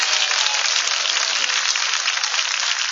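An audience at a Pentecostal church service applauds for Jesus in a steady, dense wash of clapping that holds at an even, fairly loud level for about three seconds, with no voices over it.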